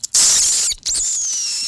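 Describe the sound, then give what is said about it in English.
A person imitates an eagle's cry with two shrill, high-pitched screeches: a short one, a brief pause, then a longer one that slowly falls in pitch. Loud, with no other sounds. “Oh, this is a eagle, eagle”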